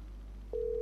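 After a brief moment of low background hum, a steady telephone dial tone switches on and holds evenly and clearly as someone hangs up to call a person back, with no one speaking.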